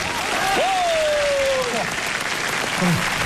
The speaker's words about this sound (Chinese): 首先，我想恳请现场的好朋友们，能不能给我报以热烈的掌声和欢呼声来支持我？谢谢大家！